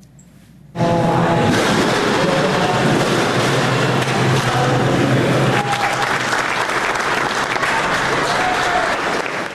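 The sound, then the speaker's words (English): The team at Shedd Aquarium in Chicago bursts into sustained applause after a quiet moment as belugas arrive, dense clapping at a steady, loud level with some cheering voices mixed in. “The team at Shedd Aquarium in Chicago burst into applause when it was all said and done.”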